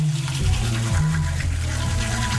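Shower water runs in a steady hiss throughout, with a muffled low tune wavering underneath as someone hums along to a song heard in the shower.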